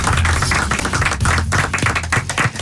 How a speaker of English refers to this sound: Taking to the stage at the London Palladium is the one and only, a round of applause, Mr. Jack D.